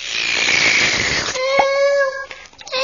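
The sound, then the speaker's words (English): A loud, fizzy hiss of a pop bottle rushes for about a second, then gives way to a shrill, wavering whistle-like squeal before cutting off. “The fizzy pop has drink me into the bottle.”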